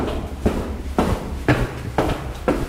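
Steady footsteps of a person walking down to the cellar door, about six evenly spaced thuds roughly half a second apart, each a dull low impact with a brief scuffing tail, at a walking pace with no voices.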